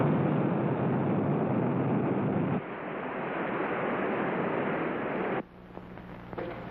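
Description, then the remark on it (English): A missile strikes the water near a submarine with a loud, continuous roaring rush of spray that holds steady for several seconds, then cuts abruptly to a quieter, lingering rumble. No one speaks. “The missile's hit the water near the sub.”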